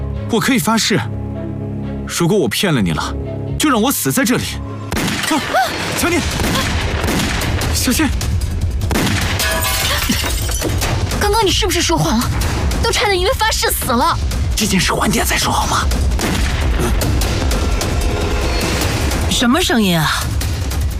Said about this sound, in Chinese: 什么声音啊？好像是从帕莱家那边传来的。好像是枪声啊。